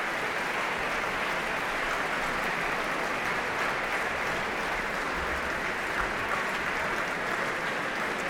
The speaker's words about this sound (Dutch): Dimas Slobodenjuk dirigeerde het Concertgebouworkest en we hoorden de symfonie in 3 delen van Igor Stravinsky. En applaus hier ook voor Ramon van Engelenhoven op piano. En voor harpiste Petra van der Heijden.